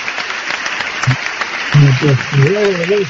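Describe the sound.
A burst of recorded applause, steady dense clapping filling the whole clip at moderate loudness, with a man's voice starting to talk over it partway through.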